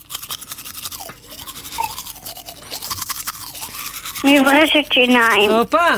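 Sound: toothbrush brushing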